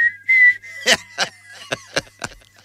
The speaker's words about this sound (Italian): È sempre questo che fischia e non ha rispetto di le persone